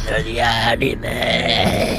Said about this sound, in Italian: Mamma mia, ma cos'è questo schifo? Ma come si permette di ruttare questo sacco di scroti ripieni di merda di muflone?